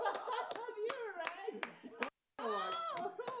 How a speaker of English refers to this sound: A round of applause.